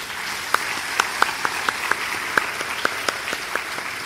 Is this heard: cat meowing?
no